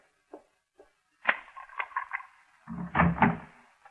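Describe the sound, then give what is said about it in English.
A door opens: a couple of small latch clicks, a rattling scrape as it swings, then a heavier low thud near the end, with no voices. “Open the door,”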